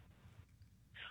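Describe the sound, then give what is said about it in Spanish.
A voice imitates a rumbling truck muffler with a low, sputtering growl that pulses rapidly for about a second, then ends in a brief breathy hiss. The whole imitation is fairly quiet. “Y que retruene el mofle. ¿Cómo suena?”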